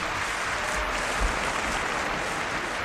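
Steady applause from a crowd, a dense wash of many hands clapping at an even, sustained loudness for the whole few seconds, with no voices standing out.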